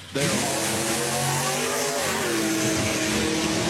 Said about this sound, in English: Two Mustangs, right? Yeah. Two Mustangs went down the drag strip. Beautiful sight. They are lined up and coming on in.